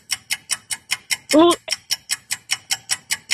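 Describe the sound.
A timer clock ticks rapidly and steadily during a timed quiz round of simple questions, roughly four crisp ticks per second and fairly loud, with a brief voiced sound cutting in once partway through.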